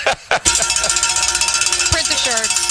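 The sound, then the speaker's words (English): A bright, metallic bell rings rapidly and steadily for a few seconds, its clangs coming in a quick, even rhythm with a sustained shimmering tone, after a short burst of noise at the start. “Ring the bell, boys.”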